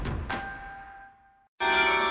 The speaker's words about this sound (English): This summer, experience the sound of bells across the city. Yorkminster Park Baptist Church presents its free Summer Carillon Recital Series.